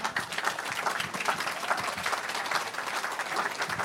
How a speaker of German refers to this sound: Heute Abend, hallo Ulrich Mattes, genau, den Applaus müssen Sie sich jetzt erstmal noch abholen.